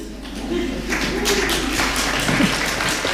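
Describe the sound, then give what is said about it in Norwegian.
Steady applause fills the hall as the Swedish Academy announces the 2026 Nobel Prize in Literature for Canadian author Anne Carson, a dense patter of many hands clapping at an even loudness, with a voice briefly rising above it with a small "yes". “Ett litet yes I salen där och applaus årets Nobelpris I litteratur går alltså till Anne Carson från Kanada.”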